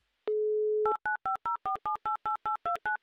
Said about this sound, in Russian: Итак, набираю ваш номер телефона. Еще раз попытка номер два.